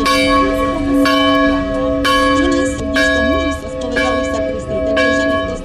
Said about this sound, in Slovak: Počas púte na tomto mieste sprevádza návštevníkov aj typický hlahol miestnych zvonov.